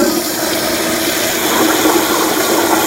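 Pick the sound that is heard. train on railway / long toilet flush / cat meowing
long toilet flush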